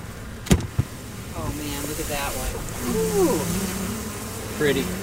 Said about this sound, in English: Yeah, we're kind of being swarmed a little bit here, but that's good. That means they're super excited bees. Yes, yes. And they've been here for a few days, so I'm pleasantly surprised with the activity.